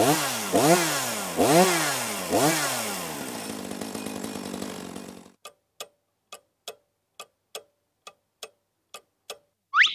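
A chainsaw of the kind firefighters use to fell trees roars, revving loudly in several surging pulses for about five seconds before cutting off abruptly, followed by the steady, sharp ticking of a clock.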